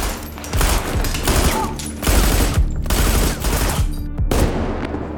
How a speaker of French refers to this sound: Les sept meurtriers tirent frénétiquement plus de 300 coups de feu.